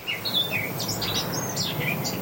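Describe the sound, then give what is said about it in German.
A Eurasian blackcap sings a quick, varied run of bright warbling notes that rise and fall over a steady wash of low background noise, with no one talking. “Naja, die Mönchsgrasmücke zwitschert uns was vor und vielleicht haben Sie es gerade schon gespürt.”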